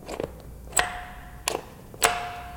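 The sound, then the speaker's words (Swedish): The doorbell at August Strindberg's Blå tornet on Drottninggatan 85 in Stockholm rings in three short, sharp metallic strikes, two of them leaving a thin ringing tone that fades away, with quiet gaps between. “Funkar ringklockan fortfarande? Vi ska se.”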